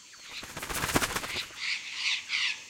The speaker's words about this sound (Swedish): Då flaxar det till i ett träd.